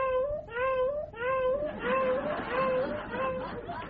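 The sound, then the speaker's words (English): A cat meows over and over in short, evenly spaced, rising cries, fairly loud, mimicking the steady repeating beep of a vehicle backing up. “Next, a cat reversing.”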